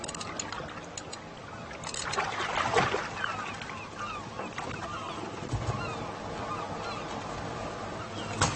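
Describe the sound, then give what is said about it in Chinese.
Seagulls call and squawk continuously around a fishing boat as they devour fish thrown back into the sea, their overlapping cries steady, over a low wash of engine and water noise. “海鸥一条条的吞噬，以海为伴，以海为生。”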